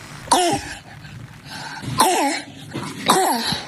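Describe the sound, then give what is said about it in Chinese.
A child's hoarse, barking cough sounds three times at steady intervals, each harsh bark trailing into a faint wheezy rasp, fairly loud with no talking. “这个咳嗽声音啊，一听就是一个儿童咳嗽的声音，有点嘶哑的声音，而且带有一点轻微的喘鸣，像着小狗叫一样，这是犬吠样咳嗽。”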